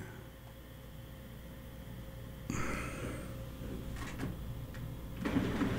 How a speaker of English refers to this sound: There we go. We got the printer moving now, at least.